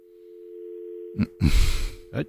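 A steady, unbroken telephone dial tone hums at a low-mid pitch throughout as a caller's line into a studio broadcast fails to connect, then gets interrupted by several loud bursts of crackling, rustling noise toward the end.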